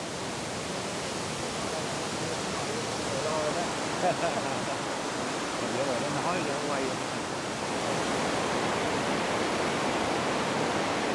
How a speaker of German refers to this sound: Der 30 Meter tiefe Elefantenwasserfall ist einer der am meisten besuchten Wasserfälle um Dalat.